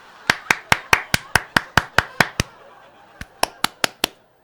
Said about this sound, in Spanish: Oye, qué lindo aplaudes. Me gusta, me gusta.